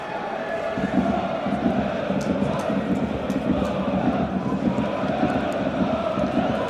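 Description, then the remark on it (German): A large crowd of football fans at a sunny stadium match between Schweinfurt and the Veilchen roars and chants steadily, a dense wash of many voices cheering together with occasional sharper shouts rising above the constant din. “Die falschen Fans umso lauter, die man jetzt eben hier hört.”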